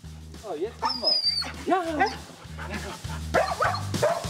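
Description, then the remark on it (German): An excited female husky named Skat whimpers and barks in quick, insistent bursts as her leash and harness come out for a walk, her high wavering whines sliding up and down between sharper yelps, fairly loud over a steady low rumble. “Dann weiß Huskyhündin Skat, was gleich passiert.”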